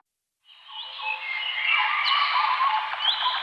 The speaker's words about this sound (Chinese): 鸟鸣，溪流，森林，草原，大海。